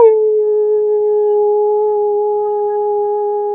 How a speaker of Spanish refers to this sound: Y recuerden que un buen aullido nos ayuda a disipar incomodidades, estrés y todo lo que nos impide estar contentos en esta vida.